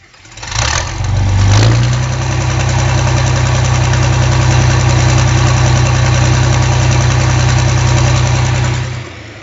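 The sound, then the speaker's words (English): The diesel engine of a 1962 4010 vintage tractor cranks and catches within the first second or two, then settles into a loud, steady, rough idle with a deep, throbbing low rumble. No one speaks. “4010 diesel screaming to life.”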